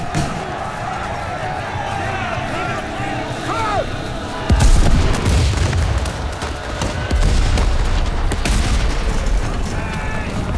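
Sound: cannons firing in battle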